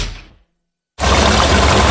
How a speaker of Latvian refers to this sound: Vai tu arī dzirdi šo lielisko skaņu? Tā pildās bākas Circle K ar atlaidi 10 centi litrā